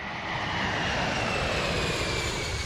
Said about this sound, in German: 1969, Boeing ist da längst ein Weltkonzern, rollt das größte Passagierflugzeug der Welt erstmals an den Start. Die 747, der Jumbo.